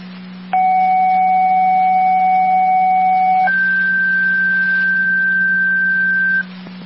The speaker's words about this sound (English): Tri-Community, second tones, initially to Sanborn, repeated Tri-Community, your second set of tones, so the last call was Sanborn 16.